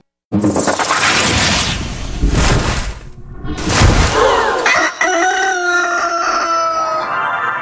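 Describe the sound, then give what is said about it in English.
Harsh, noisy splattering bursts give way to a loud rooster crow, its drawn-out call ringing for a few seconds at the end. No one speaks. “That unique growing splatter sound was Rocky the Rooster”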